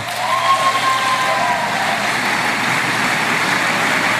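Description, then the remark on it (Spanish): Steady, dense applause from a crowd fills the whole stretch, a continuous wash of clapping that holds an even loudness throughout with no voices above it. “Terminamos con el aplausómetro de”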